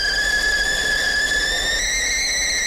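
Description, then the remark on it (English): A kettle whistles steadily on a shrill, sustained tone that climbs slightly in pitch, with a faint boiling hiss underneath, as water is boiled for a cup of tea. It sounds loud and continuous, with no voices. “Better get that kettle going here.”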